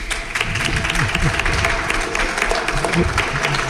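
A crowd applauds steadily, a dense wash of clapping filling the whole stretch at an even, fairly loud level, with faint voices mingling underneath.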